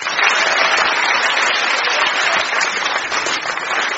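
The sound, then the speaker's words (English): Sustained applause from a sizable crowd, a dense steady wash of many hands clapping at once, loud and even throughout with no voices standing out. “So when the audience clap their hands, this round is over.”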